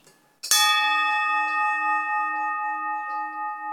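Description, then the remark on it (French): A livestock bell is struck once and rings on loudly and alone, its bright metallic tone sustaining with a slow wavering shimmer as it gradually fades. “Là, c'est pareil, quand on achète des cloches, on apprend à les connaître.”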